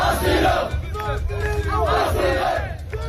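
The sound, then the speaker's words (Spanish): A large crowd of migrants in Ceuta shouts and chants "asilo" together in loud, overlapping voices, asking the Spanish government for asylum, rising in repeated surges over a constant low rumble of many people. “Lo que gritan es asilo, piden al gobierno español que les conceda el asilo en nuestro país.”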